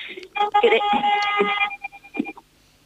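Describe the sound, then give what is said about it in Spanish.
A car horn sounds one steady, bright, buzzy blast lasting just over a second, then cuts off, followed by a few short broken voice fragments. “Sí, no te preocupes, se oyó el pitido del coche, pero no molestó, no, sigue hablando, se te escucha decentemente.”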